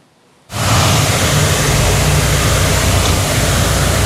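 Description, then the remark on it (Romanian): After a half-second of quiet, a snow cannon placed in the middle of the city of Brașov during a heatwave bursts into a loud, steady roar, spraying a curtain of cold water to cool people: a dense hiss layered over a low mechanical rumble that holds constant to the end. “A amplasat un tun de zăpadă chiar în mijlocul orașului pentru a produce o perdea de apă rece.”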